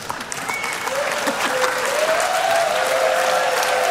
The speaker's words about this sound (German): Ja, das ist euer Applaus.